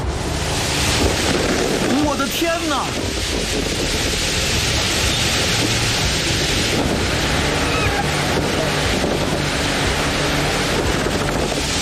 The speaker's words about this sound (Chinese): 哇！突然刮起了大风，风力变得越来越强劲。